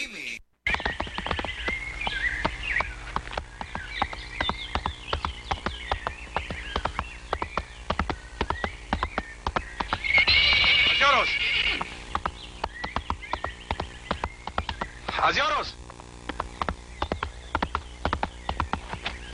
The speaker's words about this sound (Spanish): Caballito, véngase, véngase mi caballo.